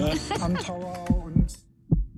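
A heartbeat sound effect thumps in low, muffled pairs under a brief musical or voiced tone at the start, then continues alone with a few evenly spaced, deep beats.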